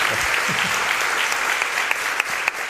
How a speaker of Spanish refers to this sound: Jesús Callejo, como siempre, te llevas este aplauso. Muchísimas gracias por habernos ayudado a hacer un poquito más.